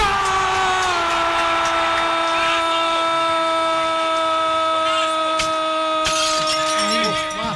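A car window being smashed in the attack on former coach and Win journalist Juan José Peláez, as heard in a live broadcast: a sharp crash of breaking glass cuts through a steady, buzzing harmonic drone, followed by a brief scatter of bright tinkling fragments; a few fainter knocks come earlier.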